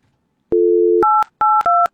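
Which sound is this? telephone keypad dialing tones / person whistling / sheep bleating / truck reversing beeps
telephone keypad dialing tones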